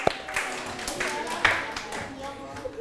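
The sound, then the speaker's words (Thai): A group of students claps for themselves after every group answered correctly, in a loose, uneven patter of claps, fairly quiet overall, while voices chatter underneath throughout. “ทุกกลุ่มตอบถูกหมดเลยปรบมือให้ตนเองครับ”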